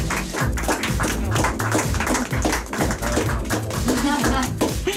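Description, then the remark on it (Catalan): A group applauds the cast at the end of a radio theatre recording for about five seconds, a dense, loud patter of many hands clapping at once, with a few voices mixed in underneath. “un aplaudiment per a vosaltres, no?”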